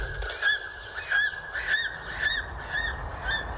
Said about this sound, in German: So weit oben leben kaum noch Tiere. Nur der Adler zieht dort majestätisch seine Kreise.